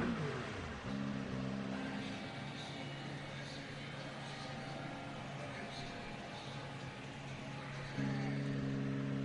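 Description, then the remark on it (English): Race car engines drone and whine steadily through a wash of broad noise as cars come through after the finish of a race, their pitch dipping and rising as cars pass, with a fresh engine note surging in near the end. “Still getting some of the cars coming through as the celebrations start.”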